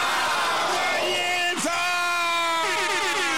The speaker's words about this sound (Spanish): ¡Fuerte el aplauso!